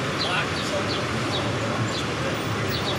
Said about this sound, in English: a bird.